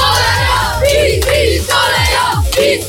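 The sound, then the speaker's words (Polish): A crowd of children shouting loudly together for Radio Z, chanting "PiS", their voices swelling in repeated rhythmic surges roughly every half second, with no other sounds standing out. “Kochani, zróbcie hałas dla Radia Z.”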